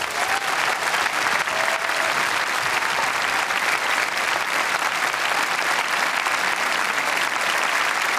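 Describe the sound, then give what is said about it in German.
Sustained, dense applause from a large concert audience in Münster for the Philharmonie Südwestfalen from Siegen and its chief conductor Ingmar Beck, steady and loud throughout with a continuous wash of clapping and no speech over it. “Ein Riesenapplaus bitte nochmal für die jetzt, weil es tatsächlich, ich habe es gerade schon angedeutet, das erste gemeinsame Konzert ist.”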